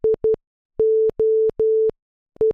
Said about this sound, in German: Wäre zwar auch nicht, aber das ist der Morsecode für SOS gsi. Und viele meinen ja, dass SOS steche für Save Our Souls